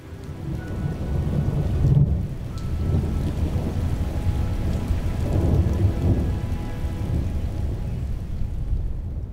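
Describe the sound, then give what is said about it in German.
A thunderstorm: steady heavy rain hisses throughout while low thunder rumbles and rolls continuously underneath, swelling around a couple of moments; no voices. “Weil du auch irgendwie, weiß ich nicht, da oben nicht sein solltest, wenn es donnert.”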